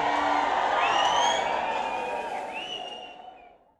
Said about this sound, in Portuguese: Aplauso para